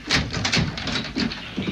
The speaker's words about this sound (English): I'll open the door.